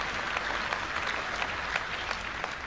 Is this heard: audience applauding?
yes